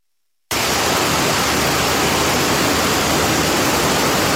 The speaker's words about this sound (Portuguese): A chuva forte e o vento.